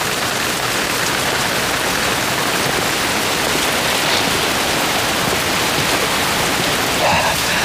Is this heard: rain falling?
yes